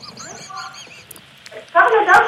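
A seagull squawks in a quick series of high, arching cries, then lets out one louder, harsher squawk near the end.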